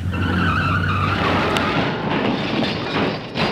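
Car tires screech loudly for just over a second with a sustained whining squeal, then give way to a harsh, noisy rumble as the vehicle skids before a collision. No one speaks.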